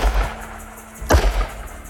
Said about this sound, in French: Quelques instants plus tard, le silence de la plaine est transpercé par le fracas de deux coups de feu.